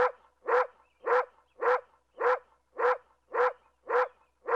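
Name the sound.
dog barking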